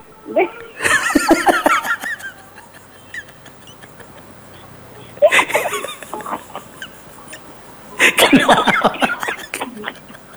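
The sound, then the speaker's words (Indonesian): Three separate bursts of harsh coughing, each a rapid cluster lasting a second or two, with short quiet gaps between them. “Tapi diminta batuk yang keempat kali.”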